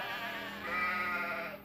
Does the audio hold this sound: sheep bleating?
yes